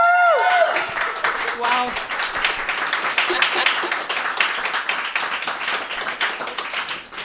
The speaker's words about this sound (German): Und wir haben uns gefragt, ob wir wohl einen lauteren Applaus hinkriegen als bei der ersten Radiosendung im Meta-Room. Machen wir mal. Let's go!